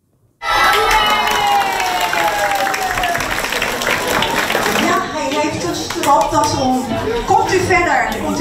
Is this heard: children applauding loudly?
yes